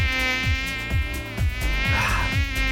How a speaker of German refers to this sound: Mücken. Die kleinen Arschlöcher.